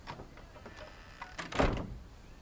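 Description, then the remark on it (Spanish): A door opening onto a garden swings open with a soft rattle and a louder whooshing scrape near the end, preceded by a few faint clicks of the latch; no voices. “cruza una puerta que da al jardín.”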